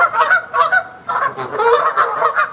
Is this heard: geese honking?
yes